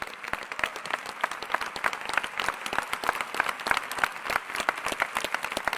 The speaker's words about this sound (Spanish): Ah, si es a Jesús, no está muy bueno el aplauso. Si es a Jesús, dáselo bien fuerte.